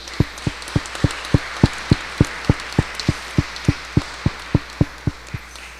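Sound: applause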